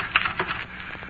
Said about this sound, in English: And the typewriter clacked away.